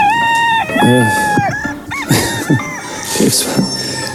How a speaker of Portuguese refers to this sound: Está o galo a cantar.